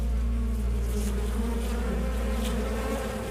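Steady, continuous buzzing of five honeybees in flight on their way back home to their hive, a dense droning hum that stays loud throughout with no voices.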